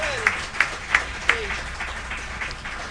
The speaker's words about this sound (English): Let's give those folks a nice round of applause for airing our program.